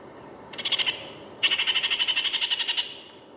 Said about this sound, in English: The kākāriki, the New Zealand parakeet.